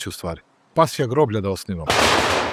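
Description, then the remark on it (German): A voice calls out a few drawn-out words, then a single loud volley of a gun salute cracks out and rolls away in a broad, fading rumble, fired at the burial of Ratko Mladic at Topčider cemetery on the edge of Belgrade. “Ratko Mladic wurde mit Salutschüssen am Topčider-Friedhof am Rande des Belgrader Stadtwalls beerdigt, auf seinen Wunsch neben dem Grab seiner Tochter.”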